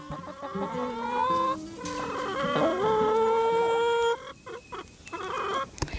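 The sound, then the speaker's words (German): A flock of 16 chickens, kept for their eggs, clucking and squawking, several birds overlapping in busy, continuous calls with a few sharper cackles, no talking. “Also, wir haben sehr viele Hühner, aber ich weiß nicht genau die Namen davon.”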